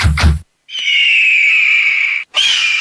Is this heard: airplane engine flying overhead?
no